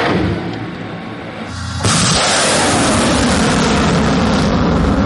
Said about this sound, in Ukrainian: Ракета вилітає з шаленою швидкістю, і нам теж не варто тут затримуватися. «Хаймерс» успішно відпрацював по позиціях росіян в їх глибокому тилу, але зараз ми дуже швидко покидаємо бойову позицію, адже ворогу дуже помітні запуски ракет